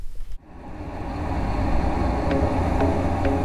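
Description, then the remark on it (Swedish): A steady, loud rumble of simulated road traffic noise, played at between 75 and 80 decibels from loudspeakers around a listening chair, rises after a brief cut and holds as a dense low-frequency roar, with faint higher swishes of passing vehicles and no voices. “Och så ska vi spela upp en simulerad trafikmiljö.”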